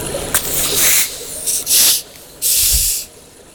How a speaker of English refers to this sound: Okay, so we'll uncork these together. Okay, in 3, 2, 1.